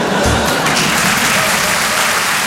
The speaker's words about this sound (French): Mesdames et messieurs, improvisation avec Muriel Robin. Première, on l'applaudit pour l'encourager.